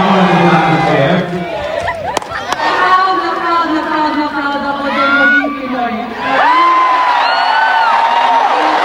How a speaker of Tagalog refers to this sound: Nang manalo si Alex sa unang laro laban kay Alicia Parks, narinig ng mundo ang sigaw ng mga Pinoy, lalo na nang magtagalog ang Pinay Tennis Ace sa on-court interview.